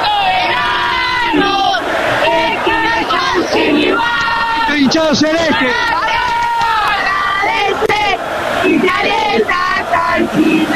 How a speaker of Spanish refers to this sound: Pero a ver, un poquito más de grito, a ver, para que la gente escuche el país.